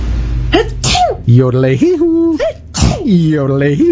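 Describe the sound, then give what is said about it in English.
A person sneezes loudly several times in quick succession, each burst preceded by drawn-out voiced wind-up sounds, giving an exaggerated, theatrical feel. “But your sneezing reminded me Alberta Mountain Air now cleans ducks, and I had to yodel.”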